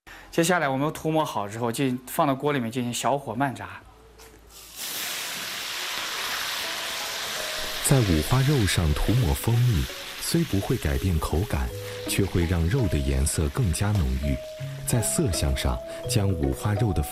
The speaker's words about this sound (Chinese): 接下来我们涂抹好之后，就放到锅里面进行小火慢炸。